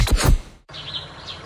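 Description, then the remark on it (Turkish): A short, loud burst of sound cuts off abruptly, then soft, high spring birdsong takes over, with birds chirping in quick repeated tweets. “Ay, bahar geldi. Güneş, kuş sesleri ve bonuslar yine her yerdeler.”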